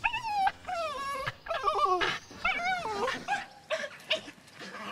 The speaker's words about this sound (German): Und der Hund freut sich auch. Der ist auch immer ganz aufgeregt, wenn die da rauskommen.